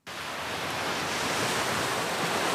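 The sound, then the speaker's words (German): Steady, full-bodied roar of ocean surf washing onto a beach, starting abruptly and holding a constant, loud rush of breaking waves with no voices. “Weiße Sandstrände, glasklares, türkisfarbenes Wasser, palmengesäumte Küsten.”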